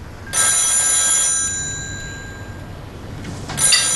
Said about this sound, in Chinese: 电话响了